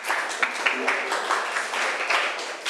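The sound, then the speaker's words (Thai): A class of students claps together for a classmate at the teacher's request, a steady, dense patter of many hands, moderately loud, lasting a few seconds without pause. “ก็ถูกต้องนะคะปรบมือให้เพื่อนหน่อยค่ะ”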